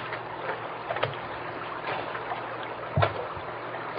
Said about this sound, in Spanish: Y antes de irnos, ¿qué te parece si nos echamos tantita agua en la cara y en la cabeza para refrescarnos? El sol está fuerte.